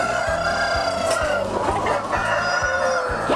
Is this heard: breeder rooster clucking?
yes